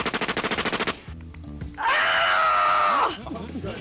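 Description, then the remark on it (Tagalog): A loud, sustained group scream from people acting out an attack, lasting about a second, after a quick burst of rapid staccato sounds and some brief voices. “Galing, Gribo, yung reenactment, partner. Gusto ko yung pagsigaw nun, sila lang yung sumigaw.”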